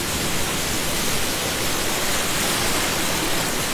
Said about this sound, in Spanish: a la orilla de la playa con este sonido de las olas.